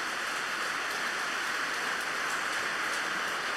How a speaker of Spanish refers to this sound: Estamos en este día de fiesta celebrando a Santo Tomás Apóstol. Regalémosle otro fuerte aplauso también a Santo Tomás.